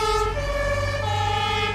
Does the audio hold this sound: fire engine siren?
yes